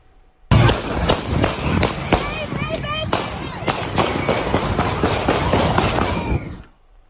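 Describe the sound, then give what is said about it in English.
A rapid, chaotic burst of loud gunshots crackles for several seconds as suspects open fire near a neighborhood festival in Toledo, Ohio, the shots overlapping one another, while frantic voices shout and cry out underneath. “Goodness, you can hear the gunshots there.”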